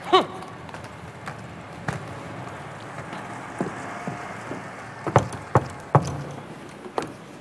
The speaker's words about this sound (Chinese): 听见没有？多么正常不过的敲门。